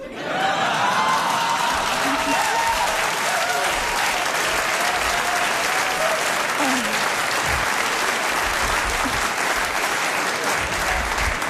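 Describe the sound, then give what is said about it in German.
A large audience at a queer comedy show, many of them men, claps steadily in sustained applause, a dense wash of hands for the whole stretch, with faint cheers and voices mixed in. “Ich liebe Queer-Shows, normalerweise klatschen da nie so viele Männer.”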